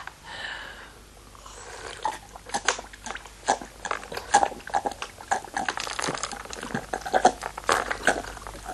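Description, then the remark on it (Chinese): Rapid, wet chewing and crunching as someone gobbles food, with irregular bursts of biting and slurping sounds growing busier after the first couple of seconds, no talking. “我先来鲸吞啊。”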